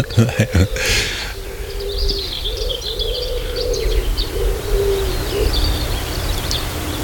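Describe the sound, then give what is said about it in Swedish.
A dove coos in a steady run of low, soft repeated hoots at a coastal site in Halland, Sweden, on a sunny, nearly windless morning, while fainter high chirps and calls of other birds drift in. “Ja, de får jobba lite för att överrösta duvan.”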